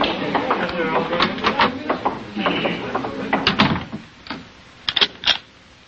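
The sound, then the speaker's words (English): A door being locked: a run of sharp mechanical clicks and a brief ratcheting turn of the bolt, with scattered shuffling and handling sounds around them. “Well, you didn't have to lock the door”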